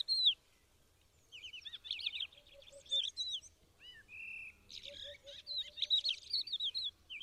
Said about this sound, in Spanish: La primera cogujada en el alambre.